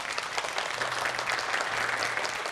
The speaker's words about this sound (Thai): ก็ขอเสียงปรบมือต้อนรับนะครับเรืออากาศตรี…ศิลปินแห่งชาติครับ